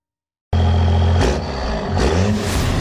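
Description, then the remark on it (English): A diesel engine starts abruptly and revs loudly, its deep rumble surging twice as the throttle opens, with no voices present. “The cold weather is hard on your diesel engine.”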